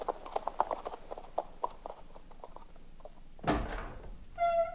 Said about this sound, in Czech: Zavedu jen koně do stáje.